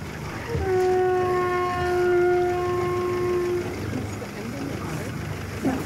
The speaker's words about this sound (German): Das mit dem Kelphorn hat er uns zum Spaß beigebracht. Ist kein weit verbreitetes Instrument, das war nur sein Ding. Ein Kelphorn, das Didgeridoo des Meeres.